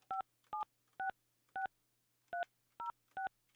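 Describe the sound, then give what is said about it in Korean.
A phone number is punched in as a string of touch-tone beeps to call a churchgoing participant of the program: seven short dual-pitched tones in an uneven rhythm, clear, with a faint low hum underneath and no voices. “오늘은 이제 교회 잘 다니시는 분들 한번 전화 연결해 보는 거예요.”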